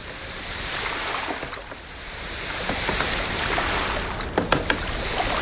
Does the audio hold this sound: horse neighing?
no